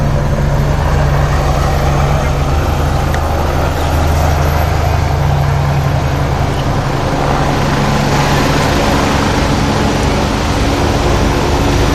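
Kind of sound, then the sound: vehicle, helicopter flying overhead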